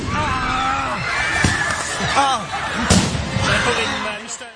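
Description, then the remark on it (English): Sharp bangs of fireworks let off by demonstrators at a school pupils' protest in France burst out a few times at irregular intervals over a noisy crowd, with shouting and whistling voices filling the background throughout. “It's at that point some of the demonstrators let off fireworks.”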